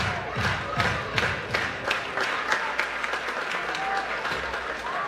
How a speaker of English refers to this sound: Crowd continuing with the energy.